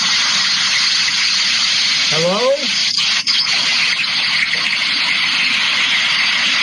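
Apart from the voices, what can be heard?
heavy pouring rain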